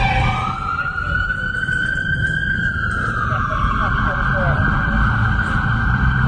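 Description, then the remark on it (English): A police siren wails steadily, its tone sliding up and then easing down, heard through a loud, rumbling background of traffic or engine noise that persists throughout. “That might have been a cop car coming that way.”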